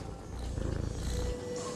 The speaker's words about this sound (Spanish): ¿Ronroneas?